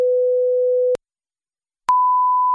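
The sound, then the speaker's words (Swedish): Two pure steady tones separated by about a second of silence, from a hearing self-test played through headphones at an audiology clinic: a lower pitch held for nearly a second, then a higher one, clean and fairly loud with no voices. “Ta på sig lurar och dra igång testet där man markerar på en skärm att man hört en ton.”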